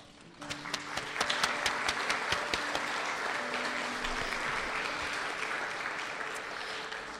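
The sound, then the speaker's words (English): Audience applause at an art prize announcement for second-place winner Anzu Sekikawa, whose painting is titled Colorfully Aging, starts with a few scattered claps, then swells into steady, dense clapping from a crowd that holds at an even level for several seconds, with no voices over it. “Anzu unfortunately cannot make it, but thank you again, and another round of applause for Anzu.”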